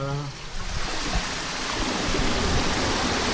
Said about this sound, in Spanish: Vale, y aquí es donde se abre un poco el paso, ¿no? El paso, sí, de las compuertas para que el agua circule, pase. Vale, ¿me puedes abrir un poquito a ver? Sí.